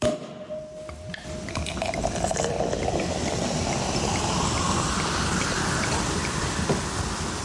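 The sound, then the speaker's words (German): South African sparkling wine pours into a glass, a steady liquid stream giving way to dense fizzing and crackling bubbles that build and hold for several seconds, with no voices. “Es klingt wie ein französischer Champagner, es ist aber keiner.”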